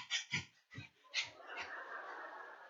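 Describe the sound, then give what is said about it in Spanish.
A person mimics the squeaky whimpering a small dog makes when hugged and squeezed: several short, high, nasal yelps in quick succession, then a longer breathy whine trailing off, fairly quiet. “Lo agarro así y lo aprieto. Y luego cuando él siente mi contacto siempre le hace.”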